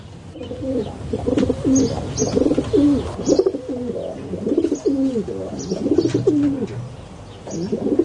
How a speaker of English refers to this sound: Kereru Arupare, the Rock Pigeon, RNZ National.